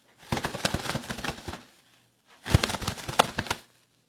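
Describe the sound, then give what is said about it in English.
Two rapid bursts of fluttery flapping, a sound made by hand to imitate bird wings beating. Each burst lasts about a second with a brief pause between, and no one talks. “Yeah, so I'm going to create the sound of bird wings flapping.”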